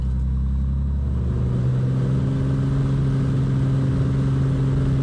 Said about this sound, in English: For Tess, this is all perfectly normal. It's a little plane.